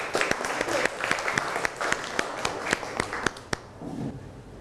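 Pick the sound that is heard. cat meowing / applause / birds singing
applause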